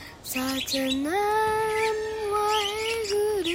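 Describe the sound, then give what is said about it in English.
Birds squawk loudly: a couple of short calls, then one long, drawn-out squawk that rises in pitch and holds steady, with faint chirps around it. “Then Ahamkar got off of Kidit and started chasing the birds.”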